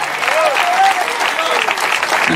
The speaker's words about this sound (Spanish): Debe verte ese aplauso si es para el Señor.